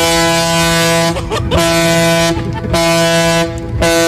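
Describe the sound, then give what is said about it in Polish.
A loud, deep ship horn fitted to a Volkswagen Beetle blares in long sustained blasts, broken by three brief gaps, rich and brassy with strong harmonics, powerful, with no voices. “No nie wiem tylko, co na to policja i inni użytkownicy drogi, ale taki garbus z takim klaksonem ze statku, no...”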